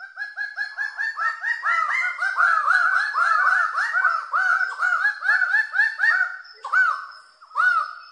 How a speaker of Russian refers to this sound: Наверное, голоса у них тоже райские, да ничего подобного. Давайте послушаем пение райской птицы.